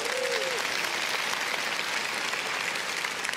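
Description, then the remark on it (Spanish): A crowd gives a loud round of applause for a family, a dense wash of clapping that holds an even level for the whole stretch, with a brief tonal whistle-like sound near the start. “Muchas gracias, un aplauso fuerte a esa familia.”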